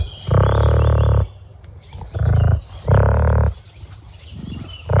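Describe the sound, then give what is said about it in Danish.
Several beavers vocalizing, some of them standing farther away: a series of low, drawn-out moaning groans, three long ones and a shorter fourth, each loud and richly buzzing, separated by brief quiet gaps with no talking. “Det er ikke snorken fra et menneske, vil jeg sige. Så vil jeg gerne afsløre.”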